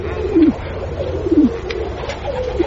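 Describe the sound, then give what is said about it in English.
Pigeons coo softly and steadily, low throaty calls rolling on in a repeating pattern, with a few slightly stronger, falling coos standing out every second or so against a quiet background. “And, although I speak to you now, my fellow pigeons, in the hated tongue of the humans, one day we shall speak the language of birds.”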